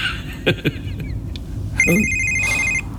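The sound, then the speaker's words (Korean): A phone rings with an incoming call from the daughter, a steady electronic ringtone for about a second, loud, over a low background hum with a few soft clicks just before it. “아, 딸애가 또 전화를.”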